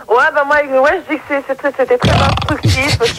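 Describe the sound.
A loud, drawn-out burp with a wavering, throaty tone, followed by a rough, gravelly burst of noise close to the microphone, with voices mixed in.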